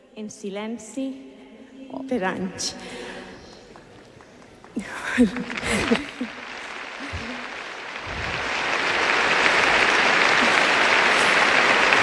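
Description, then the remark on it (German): A voice speaks for several seconds, then an audience breaks into loud, steady applause that builds and continues as a dense wash of clapping to the end. “Die junge Frau verdient wirklich Applaus für den Mut.”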